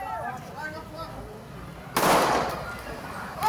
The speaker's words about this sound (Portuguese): Ela estava com uma faca, foi em direção aos PMs e um soldado da polícia militar dá um tiro a queima-roupa. A gente tem o momento do disparo e ela armada com uma faca, mas com a faca em direção ao chão.